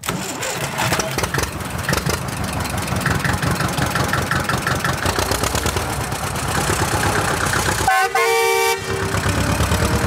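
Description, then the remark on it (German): A green tractor's engine chugs loudly and pulls away in a steady mechanical rhythm as a woman from Gera sets off on a drive to the Baltic Sea, with a brief horn toot sounding near the end over the running motor. “Und schon klettert Fine sportlich elegant auf ihren grünen Trecker und los geht's.”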